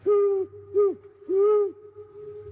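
owl hooting

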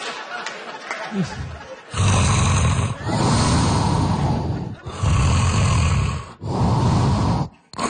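rhythmic snoring

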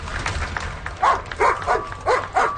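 police service dog barking

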